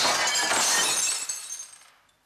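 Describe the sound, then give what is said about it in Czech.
Window glass shatters loudly, a bright crashing burst followed by tinkling shards scattering and settling for about a second before fading to silence. “Teď se na to podívejte, Ferdo, jediné okno nezůstalo celé.”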